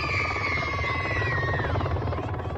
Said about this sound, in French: Au loin, un bruit se fait entendre depuis les airs. Un hélicoptère atterrit spécialement pour les enfants.